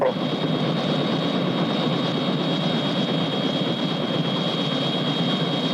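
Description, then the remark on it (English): The President's helicopter, sent over to pick someone up, roars in a steady, loud drone, a constant mechanical engine whine riding over dense rumbling noise that neither fades nor swells. “Mr. President, isn't that your helicopter over there?”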